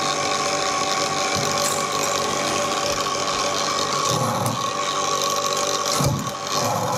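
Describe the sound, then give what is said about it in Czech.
A glass bead cutting machine with a diamond cutter, separating individual beads from each other, runs steadily with a dense, rattling mechanical clatter and ratchet-like clicking, a constant loud whir with occasional brief low thumps, no voices. “Těsně před závěrem naší výroby si zapínáme řezačský stroj, pomocí kterého oddělujeme jednotlivé perly od sebe.”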